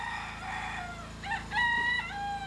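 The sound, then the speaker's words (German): A rooster crows with a long, strained, harmonic call, rising and holding before tapering off, heard clearly against a steady low background hum. “Entweder die Generatoren oder es bellt ein Hund oder es kräht ein Hahn.”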